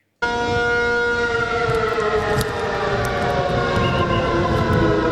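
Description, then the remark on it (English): A loud, sustained air raid siren wails steadily across Taiwan's capital during the annual Hung Kwang exercise drill, with layered droning tones, starting abruptly and holding for several seconds over a rumbling background. “Air raid sirens sounded across Taiwan's capital today as the island steps up preparations for a potential attack.”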